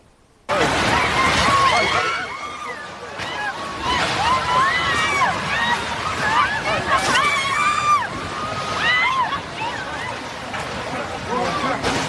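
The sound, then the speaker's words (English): Many people scream and shout at once as they flee collapsing buildings during a powerful 7.4 earthquake in the mountainous town of Pereira, Colombia; high wavering cries rise and fall over a loud, constant rumbling clatter. The chaotic din stays dense from start to finish. “Screaming there, just really chaotic scenes.”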